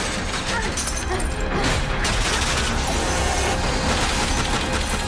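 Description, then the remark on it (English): A loud, sustained barrage of gunfire from Dauntless guards, with bullets clanging and thudding against the metal stairwell doors that Triss has closed behind her, dimpling the metal in a dense, rattling din that holds steady for about five seconds. “From outside, bullets dimple the metal.”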